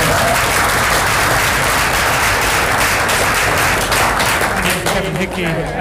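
A crowd bursts into sustained, loud applause for a winner of the Spirit of the Mother Jones Award, dense clapping continuing steadily for several seconds before easing slightly at the end.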